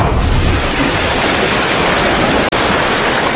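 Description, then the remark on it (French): A massive underwater sea mine explosion, throwing up a huge mushroom-shaped column of water vapour, produces a loud, sustained roaring rumble, like rushing water and wind, that fills the whole stretch and briefly cuts out near the end. “Oui, dernier exemple en date avec cette vidéo montrant une explosion sous-marine provoquer une immense colonne de vapeur d'eau en forme de champignon.”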